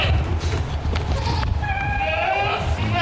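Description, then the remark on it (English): Goats from a Morgan County farmer's herd of 21, brought back home after a wildfire evacuation, bleat in a few wavering, nasal calls, the clearest near the end, over a steady rumble of outdoor background noise. “That includes Dick Tennant's 21 goats and 3 peacocks.”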